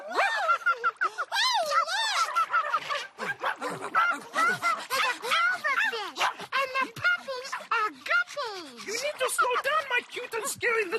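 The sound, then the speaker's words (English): Simon, a dog shown as a 'doggy fish' in Sesame Street's magical ocean, yips, whines and barks in rapid, high-pitched bursts, fairly loud, keeping up an excited stream of sound for the whole stretch. “Big Bird is a birdfish, and Simon is a doggy fish.”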